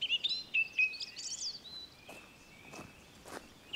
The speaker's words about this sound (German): Ich habe unzählige Stunden im Wald verbracht, nicht nur, um den Vögeln wie der Singdrossel zu lauschen.